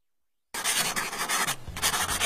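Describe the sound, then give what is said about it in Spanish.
A pencil scratches steadily across paper, fairly loud, in quick dense strokes with one brief pause partway through, starting after a moment of silence, as a draft is written. “Listo, terminé el borrador.”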